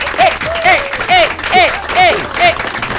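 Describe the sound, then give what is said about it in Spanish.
A crowd applauds with steady, dense clapping, while repeated short rising whistles or cheers sound over it at a quick, regular pace. “¡Un aplauso”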